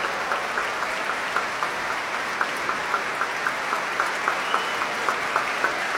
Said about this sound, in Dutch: Applaus ook voor de klarinetisten